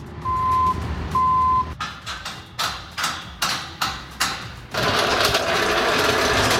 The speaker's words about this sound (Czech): K libereckým areálem Vesec zní zvuky stavby.